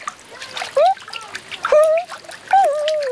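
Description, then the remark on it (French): Lively splashing water in a warm paddling pool comes in three quick bursts of doggy-paddle swimming strokes, mixed with bright bubbly gliding tones and light dribbles between them. No one speaks. “Et maintenant, il fait la nage du petit chien.”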